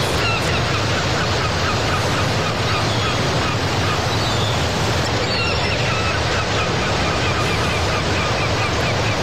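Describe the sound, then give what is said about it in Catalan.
Gulls call repeatedly over a steady, loud wash of sea waves, their cries scattered through the roar of surf, with some wind buffeting the microphone. “El mar i les gavines, refrescant, no?, pels que no heu pogut anar de vacances, per aquells que heu tingut que passar les vacances a casa vostra.”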